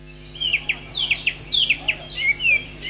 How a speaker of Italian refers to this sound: Hanno iniziato a cinguettare le prime luci dell'alba i quasi 300 esemplari di uccelli esposti nel centro di Sacile per il tradizionale concorso canoro, l'appuntamento più seguito dagli appassionati dell'ornitologia.